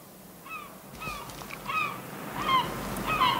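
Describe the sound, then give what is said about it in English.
Gulls swooping low over the water and picking up scraps from a ship's wake, off the African coastline, call repeatedly in short, nasal, harmonic cries, about six in a loose series, over a steady wash of wind and surf. “From the starboard side of D-deck, I watched the gulls swoop low over the water, picking up scraps from the ship's wake with their long, pointed beaks.”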